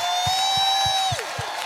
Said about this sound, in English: Today is finally here, the 26th annual KJLH Women's Health Expo. You got up this morning. You got yourselves together. You made it here. Give yourselves another big round of applause.